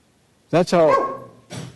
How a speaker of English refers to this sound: That was a barking dog you heard. He liked that verse. He is one of his favorites.